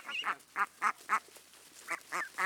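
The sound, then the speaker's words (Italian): Nearly adult young ducks quack in a quick series of short, harsh calls, about seven in all, some in close pairs, clear with a faint outdoor hiss between them. “Le giovani anatre, ormai quasi adulte, si avviano a diventare mondine.”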